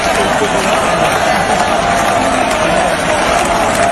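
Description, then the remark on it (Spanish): A bullring crowd at the Albacete fair gives a loud, sustained ovation for the radio host Carlos Herrera, with a dense, steady roar of cheering and clapping that holds at an even level throughout and never breaks into individual voices. “Sí, vamos a escuchar la ovación de la gente.”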